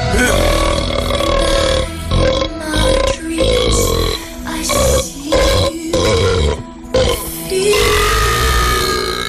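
A long series of loud burps after drinking Cola Zero, strung together into a rough melody, each belch held and pitched like sung notes with short gaps between phrases.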